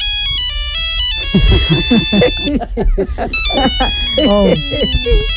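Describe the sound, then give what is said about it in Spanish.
A mobile phone plays a bright, repeating melodic ringtone for an incoming call that keeps going throughout, while people talk loudly over it. “¡El móvil!”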